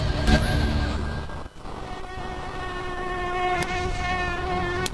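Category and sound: insect, mosquitoes buzzing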